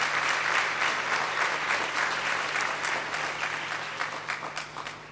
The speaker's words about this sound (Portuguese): Peço uma grande salva de palmas ao nosso querido Pai.